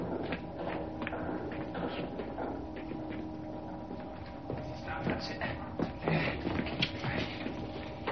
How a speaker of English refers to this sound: Hearing footsteps approaching, Evans hides.